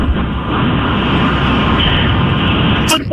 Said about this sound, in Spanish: Pero oye, bájale poquito al aire acondicionado, sí. Reina, que se escucha ahí muy muy fuerte. O ponte el teléfono en la orejita bonita. O sube el cristal.